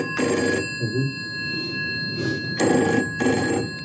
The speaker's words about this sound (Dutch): Ja, de telefoon. Alexander Graham Bell die vraagt er patent op aan in 1876.